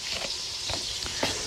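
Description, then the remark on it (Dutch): Partridges frying back-side down in chicken fat in a pan over medium-high heat give off a steady sizzling hiss, broken by a few soft crackles and pops, with no one speaking. “Dan is het nu tijd om de patrijzen in de pan te doen.”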